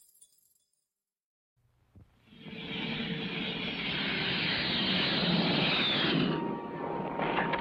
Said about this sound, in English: Hi, this is my friend, the Grumman Tiger. It's a jet